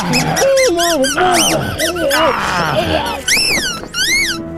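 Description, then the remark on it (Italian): A rubber chicken squeaks loudly in a rapid string of shrill, wavering squawks that rise and fall in pitch, with a brief pause before a final few long squeals. “cercando di soffocarlo, infilandogli in bocca un pollo di gomma.”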